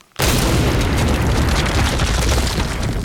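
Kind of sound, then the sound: sound effect, big explosion sound effect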